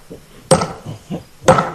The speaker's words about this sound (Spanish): Graban a un diputado israelí destruyendo un monumento palestino. Eso fue ayer, 25 de agosto. Esto fue en Madama, Cisjordania, ocupada por Israel. Esto que ven, él le está dando mona, martillo, para destruir este monumento palestino.